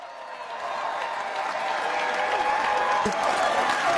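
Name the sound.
crowd applauding and cheering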